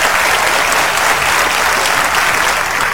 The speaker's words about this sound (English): So I just want to give applause for everybody here who's a part of this, who everything that you do to make everything great for all of us.